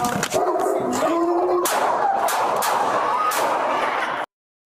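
A rapid, irregular volley of loud gunshots, about seven or eight sharp bangs over a few seconds, fired by Los Angeles Police Department officers at a dog of over 100 pounds that lunged at them, with a brief high-pitched cry or shout at the start before the shots.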